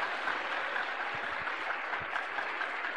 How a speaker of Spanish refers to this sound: lo vamos a recibir con fuertes aplausos para el Señor Jesús.